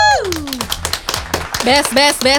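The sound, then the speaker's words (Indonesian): Scattered applause from the Pro 2 audience for three young cast members of a film, sharp claps rising and falling, mixed with high whoops and cheering voices that swell near the end. “Tepuk tangan dulu teman Pro 2.”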